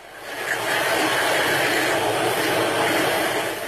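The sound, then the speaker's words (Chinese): A steady, gritty rushing hiss of washed river sand being stir-fried dry in a wok by hand, loud, swelling in within the first half second and continuing without a break. No one speaks. “将洗净后的河沙倒入锅中炒干，”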